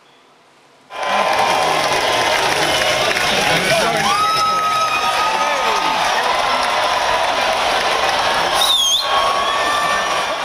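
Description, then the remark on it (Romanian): A large crowd cheers and shouts loudly outdoors at the annual cheese-rolling race in a village in England, bursting in after a brief near-silence and staying dense and steady, with scattered individual yells and whistles rising above the roar. “Într-un sat din Anglia a avut loc ediția anuală a celebrului concurs de alergat după brânză.”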